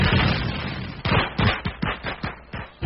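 Fireworks crackle and pop in a dense opening burst, then a rapid string of sharp, loud bangs follows in an uneven rhythm, with no voices.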